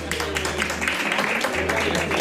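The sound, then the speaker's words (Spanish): A studio audience applauds, a dense wash of many hands clapping at once that stays steady and fairly loud for a couple of seconds, over a low steady hum. “Y este aplauso es para ellas. Venga, un fuerte aplauso.”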